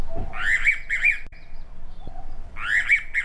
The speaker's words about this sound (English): That is the sweet, sweet sound of the rainbow pitter,